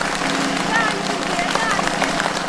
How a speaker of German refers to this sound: Applaus, meine Damen und Herren.